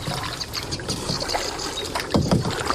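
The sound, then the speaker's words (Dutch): Canoe paddling: water sloshes and splashes as the paddle dips, with stronger strokes near the end, over a steady background hiss of wind and water. No one speaks. “En op de momenten dat we geen gepeddel van jou horen, ben jij aan het luisteren en een vogel aan het invoeren.”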